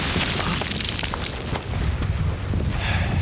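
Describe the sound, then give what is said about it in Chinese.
Continuous heavy Japanese artillery bombardment, with a great mass of shells falling on a small area: deep, rumbling booms overlap in a dense, roaring barrage with sharp cracking bursts scattered throughout, loud and sustained for the whole stretch without any voices. “炮击了这么久了，鬼子的家当就是大呀，这么多钢铁砸在这个小地方，他也不心疼。”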